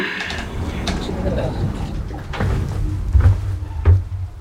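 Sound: door being closed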